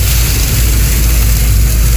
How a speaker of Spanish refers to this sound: Ah, tormenta arena, no sí. No sé si alcanza a sentir cómo suena la arena. O la tormenta arena, chuata. En la camioneta.